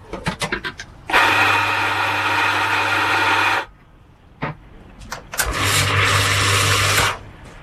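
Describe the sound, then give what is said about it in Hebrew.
A café-style espresso machine, as used by a barista making coffee, runs in two loud, sustained bursts of harsh whooshing noise over a low motor hum, preceded by a few sharp clicks, with no one talking. “זרה שלהם מכונת קפה, כמו בבתי קפה.”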